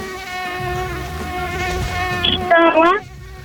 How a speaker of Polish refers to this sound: Blisko, ale bardziej chyba denerwujący owad. Au, co to jest? Komar. Na pewno? Tak. Tata potwierdza? Tak. Tak jest. To jest komar.